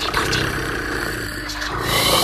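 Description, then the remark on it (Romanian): A person imitates a cat's purr to lull someone to sleep in a Buratino story, a continuous, low rumbling drone that holds steady for a couple of seconds, with no speech around it. “Stai să-i mai torc puțin.”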